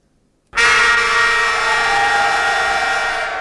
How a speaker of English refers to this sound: All right. So we're at 3/4 time. Let's see if I can find the siren.